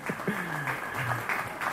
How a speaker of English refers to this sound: for round of applause.